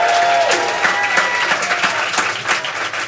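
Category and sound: crowd, audience applause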